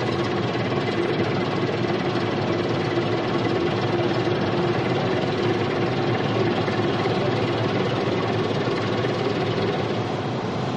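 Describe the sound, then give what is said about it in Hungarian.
A motorboat engine runs steadily throughout, a loud, continuous droning rumble with a constant pitch and no pauses. Nobody speaks. “Feri, kapcsolj át a motoroshoz.”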